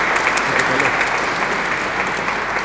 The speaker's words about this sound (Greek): Πάντως, χειροκρότημα για τον Ίκαρό μας.